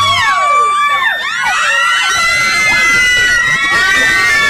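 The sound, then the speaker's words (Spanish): A loud crowd of women screaming and cheering, many shrill voices rising and falling over one another in a continuous, frenzied wall of sound. “¿Cómo me gritan las mujeres?”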